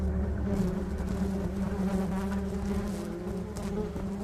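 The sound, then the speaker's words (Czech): A dense, steady drone of many bees buzzing together, a continuous low hum with rich overtones that wavers slightly but never stops, with no voices. “Zamišljam pola miliona pčela i pilota koji preko razglasa poručuje: "Vežite se, polećemo."”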